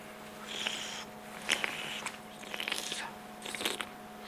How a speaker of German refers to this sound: On mâche. Kauen und durch die Nase einatmen, um alle Aromen zu entfalten.